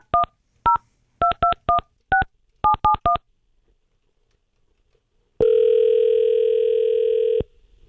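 Radio hosts at Wild Country dial a phone number to call their celebrity picker: about ten crisp touch-tone beeps in quick, uneven bursts. After a short silence, a steady line tone sounds for two seconds. No one speaks.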